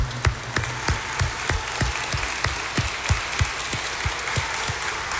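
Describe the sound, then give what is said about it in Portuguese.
A crowd at a sanctuary applauds Our Lady (Nossa Senhora) at the end of a consecration prayer, many hands clapping in a dense, sustained patter with sharper individual claps popping out at an irregular rhythm. No one speaks over it. “Uma salva de palmas a Nossa Senhora, que ela merece.”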